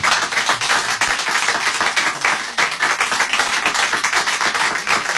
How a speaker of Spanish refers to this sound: Que también ha venido acá mi madre. Guarda el aplauso para ella.